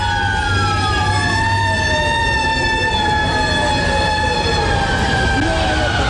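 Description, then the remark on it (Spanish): Several fire truck sirens wail at once through the streets of New York City on the day of the terrorist attack, their long rising and falling tones overlapping loudly over a dense rumble of traffic and engine noise. “Este era el sonido que se vivía en esos momentos en las calles de Nueva York.”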